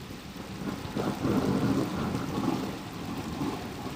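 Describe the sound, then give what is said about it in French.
A thunderstorm with steady rain hissing down while deep thunder rumbles roll and swell throughout, continuous, with no voices. “Celle de la terre mouillée après des mois de sécheresse sur laquelle éclatent soudainement de violents orages.”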